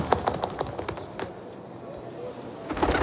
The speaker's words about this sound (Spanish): suena paloma, ¿no?